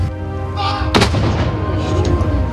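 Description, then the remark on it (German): A single loud cannon shot fired by a gunner cracks out sharply, then booms and rumbles away, with a steady low hum and faint crowd murmur underneath. “So, ladies and gentlemen, how about giving three big cheers to our gunner?”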